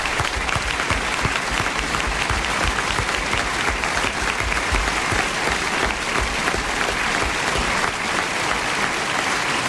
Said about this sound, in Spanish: gracias por sus aplausos que no terminan nunca.